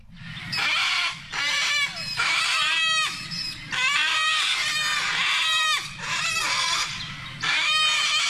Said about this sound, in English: Just one of our most musical birds, the sulfur-crested cockatoo that has been causing havoc on the surf coast, stealing food from people at restaurants, in lawn, opening up the bins, spreading the rubbish everywhere.